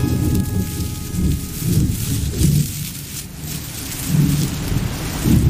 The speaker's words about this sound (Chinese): 下雨了，一只白鹇打开了翅膀，抖擞抖擞精神，在湿润清新的空气中无比惬意。